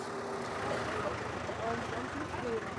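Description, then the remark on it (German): A garbage collection truck at the Hurricane festival drives ahead to a pond to start collecting trash, with a steady engine rumble and road noise throughout, while faint voices murmur underneath. “Wir fahren jetzt bis da vorne zum Teich und dann fangen wir an mit der Müllsammlung.”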